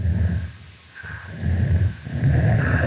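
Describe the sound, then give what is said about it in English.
Low, rough sounds of an adult female snapping turtle, recorded underwater: breathy chuffing pulses broken by a deeper rumbling growl call, repeating over a few seconds with brief quieter gaps between bursts. “Here we hear an adult female snapping turtle engaging in a chuffing vocalization, and it's punctuated by a different call type, which we call a growl.”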